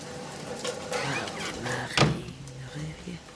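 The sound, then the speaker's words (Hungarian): A door swings and shuts with one sharp, solid thud partway through, preceded by a brief creaking, sliding movement, while a voice murmurs faintly underneath. “Zárja be az ajtót.”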